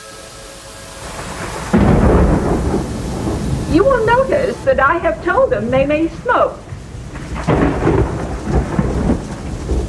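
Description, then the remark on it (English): A thunderstorm with steady rain hissing throughout and a deep, loud roll of thunder rumbling in early on, while a man speaks over the storm partway through. “I must ask you to forgive their condition, to believe that they are waiting out a storm.”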